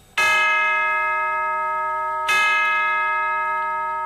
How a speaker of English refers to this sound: Chimes.